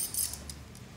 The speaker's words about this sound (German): Ich zeige Ihnen jetzt ein paar Gegenstände und Sie sagen mir, welche das sind. Ja? Schlüssel.